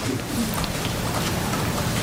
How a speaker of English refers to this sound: That paper shuffling you hear in the background is Jay Powell going through his talking points.